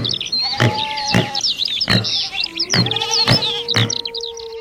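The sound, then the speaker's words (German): A busy animal mix: steady bird chirping throughout, repeated goat bleats and wild boar grunts in short bursts, and a long, drawn-out wolf howl rising through the second half. “Das waren Vögel, Ziegen, Wildschweine und ein Wolf.”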